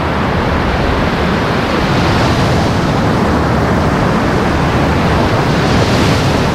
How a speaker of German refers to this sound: Wir hören ja auch schon hier das Meer rauschen, die Wellen. Das ist ja einer der schönsten Strände auch hier.